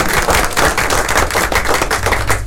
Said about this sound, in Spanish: Felicitaciones, la verdad. Sí, otro aplauso porque se lo merece.